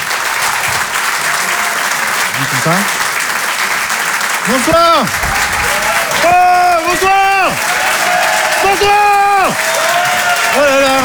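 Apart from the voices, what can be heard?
audience applause and cheering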